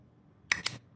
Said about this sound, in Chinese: 还记得这个打火机吗？